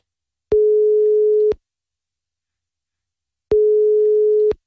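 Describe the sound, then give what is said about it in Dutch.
An outgoing phone call's ringing tone sounds twice, each a steady, single mid-low pitched beep lasting about a second, separated by a long silent pause. No voices are heard. “Maar ik doe hem 3 keer over laten gaan. Anders hang ik op, oké?”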